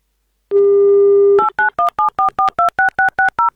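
A steady low dial tone hums for about a second, then eleven quick two-tone touch-tone beeps follow in a rapid, even rhythm as a phone number is dialed to call a radio contest listener in the Republic of Bashkortostan.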